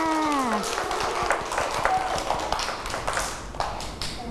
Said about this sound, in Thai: เก่งมากค่ะเด็กๆปรบมือให้ตัวเองด้วยค่ะ